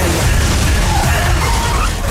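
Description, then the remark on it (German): A loud, sustained metallic crash as a bus is cut apart in the superhero film Blue Beetle, a dense roar of grinding and smashing noise with heavy low rumble that holds steady for about two seconds. “Ich glaube, ich habe einen Bus zerteilt.”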